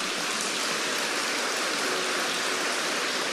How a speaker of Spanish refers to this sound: Es verdad que Él enseña la verdad. No hay otro maestro como Jesucristo. Dele un aplauso por su doctrina.